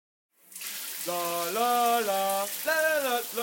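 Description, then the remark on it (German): A steady rush of shower water starts and keeps hissing loudly, while a voice sings wordless notes over the spray. “Du musst unter der Dusche nicht mehr singen, um unterhalten zu werden.”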